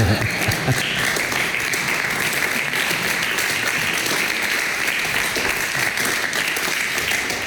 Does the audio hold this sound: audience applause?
yes